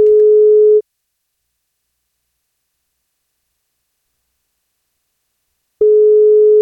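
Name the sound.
telephone ringing tone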